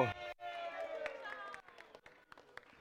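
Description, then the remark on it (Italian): An audience at a show breaks into applause for a volunteer, a loose scatter of sharp hand claps rather than a dense roar, following a loud drawn-out voice at the start and continuing with voices mixed in. “Un applauso al volontario!”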